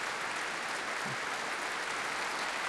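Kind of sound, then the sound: crowd, concert audience applause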